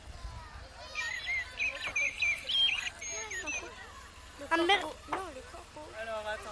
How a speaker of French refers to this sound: C'est pas plutôt un merle noir avec le bec jaune ? C'est un merle noir. Comment tu le reconnais ? Parce qu'avec son bruit. Et physiquement, il est comment ? Et sa couleur ? Quelle couleur ? Noir. Et son bec ? Jaune.